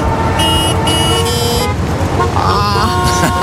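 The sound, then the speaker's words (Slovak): Congested traffic rumbles steadily while several car horns honk loudly, overlapping in long sustained blasts, followed by another shorter horn a moment later. “Lebo inak najdlhšie trvajúca takáto dopravná zápcha bola v Číne na diaľnici.”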